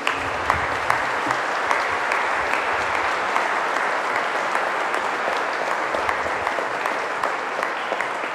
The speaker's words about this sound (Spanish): Que el Señor Dios Eterno bendiga a este coro de la Vía de los Niños, y gracias a Monseñor, a quien debemos darle un caluroso aplauso en este momento.